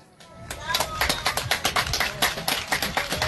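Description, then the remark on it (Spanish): Applause from an audience at the third Festival de la Lima Dulce (sweet lime festival) starts up after a brief pause and builds into a steady run of sharp, overlapping claps that carries on loudly to the end. “Bien fuerte los aplausos, por favor.”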